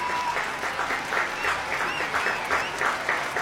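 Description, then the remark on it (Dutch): Sustained, dense applause from a large concert audience after an orchestral concert conducted by Han Ma Chang, with clapping filling the space steadily and a few whistles or cheers rising above it throughout. “Ja, het publiek is razend enthousiast en terecht.”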